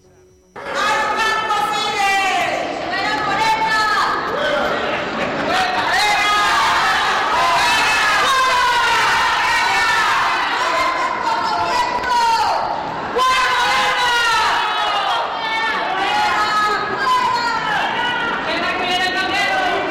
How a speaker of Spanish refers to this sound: Vamos a escuchar brevemente la manifestación.